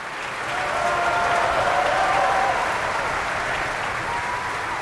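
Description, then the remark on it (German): Sustained applause from a large opera audience in Bayreuth for Hungarian mezzo-soprano Anna Kisjudit, who sang Fricka: a dense, steady clatter of many hands that swells early and holds throughout, with faint voices murmuring beneath. “Und hier wird applaudiert für die ungarische Mezzosopranistin Anna Kisjudit.”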